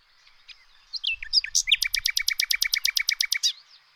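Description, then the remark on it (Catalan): A common nightingale sings, opening with a few varied whistles and chirps before launching into a loud, rapid series of repeated notes, with no voices present. “Un ocell mal de veure, però amb un cant vigorós i musical.”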